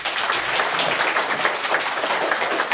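An audience applauds steadily, a dense wash of many hands clapping at an even loudness throughout, with no voices standing out, as a professor is welcomed onto the stage to give a public lecture at a museum.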